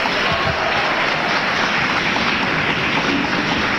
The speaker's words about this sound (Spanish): Dámele un buen aplauso a Jesús esta mañana, hermano. Damos gloria a Dios.